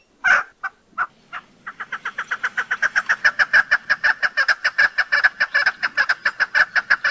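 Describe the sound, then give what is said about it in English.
A chukar partridge's common call, given by both sexes: a few spaced clucks that speed up into a long, steady series of loud, rhythmic chuck notes, clear with no talking. “Their most common call is given by both sexes, and if you use your imagination, sounds like their name.”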